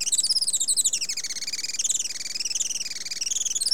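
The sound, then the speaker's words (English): A rapid, steady stream of thin, high-pitched chirps from a Juan Fernandez firecrown hummingbird on Robinson Crusoe Island, rising and falling slightly in pitch, clear with no talking. “Today, conservationists with Oikonos ecosystem knowledge are working to restore the island's native forests and to ensure a bright future for the Juan Fernandez firecrown.”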